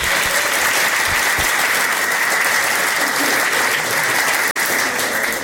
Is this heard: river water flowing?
no